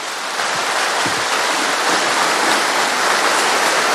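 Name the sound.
audience applause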